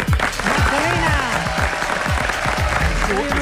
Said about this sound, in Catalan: Un aplaudiment per al senyor.